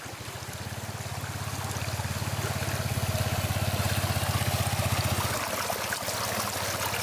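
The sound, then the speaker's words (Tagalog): Steady rushing of a flowing, rocky river fills the scene, continuous, with a low throbbing rumble beneath that drops away near the end. No one speaks. “Minsan matatalisod ka po sa mga bato-bato kasi po diba sa ilog po, ilang ilog po tatawirin namin.”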